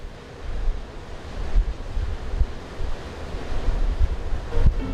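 Baltic Sea waves wash steadily onto a shore, a continuous rushing surf with low rumbling swells and gusty wind noise buffeting the microphone, no voices present.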